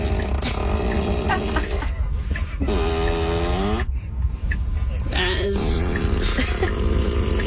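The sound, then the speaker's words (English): A buzzy, sputtering fart sound effect, set off by the car's turn signal, plays inside a moving car, rising and falling in bursts over steady road rumble, with people talking. “So it's gonna fart for like the entire journey?”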